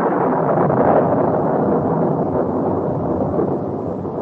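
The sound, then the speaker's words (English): A loud, sustained peal of thunder rolls on for several seconds, deep and broad, during a strong windstorm, with no voices over it and only a slight fade toward the end. “That was a peal of thunder.”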